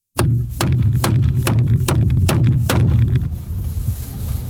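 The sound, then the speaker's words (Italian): A hammer strikes about seven times in a steady, even rhythm, each blow a sharp, loud crack, then stops while a low rumbling hum carries on underneath and beyond. “Sì, martello di gomma, martello di plastica, martello di ferro, martello d'acciaio, insomma, un martello.”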